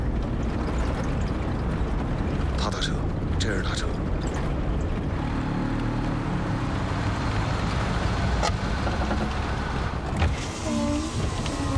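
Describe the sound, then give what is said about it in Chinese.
A tractor engine runs steadily at night, a continuous low, rough rumble filling the whole recording, while people talk over it. “这也能叫车吗？那拖拉机是。”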